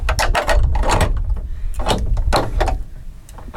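Heavy knocks on a thick wooden door, opened with a large, heavy key about 20 cm long, knocked on to announce a visit: a string of loud, irregular thuds with a deep booming low end and rattling resonance, with no voices.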